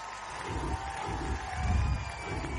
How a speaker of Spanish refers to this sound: La gente de pie aplaudiendo. Ovación. Hay aplauso.